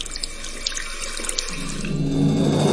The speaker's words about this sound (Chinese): 葱白下锅，炼出清甜不焦的葱油。待鱼蒸熟后，葱绿铺在鱼身增艳，将滚烫的葱油淋在鱼身。